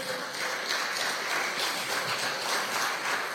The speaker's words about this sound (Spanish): Dele gloria a Dios, dele aplauso a nuestro Padre.